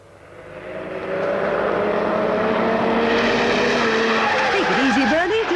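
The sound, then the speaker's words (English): A car engine roars up to speed through traffic and holds a loud, sustained whine, with wavering tire squeals and skidding near the end. “Watch the traffic through here, and if it's heavy, get right on their rear bumper till it thins”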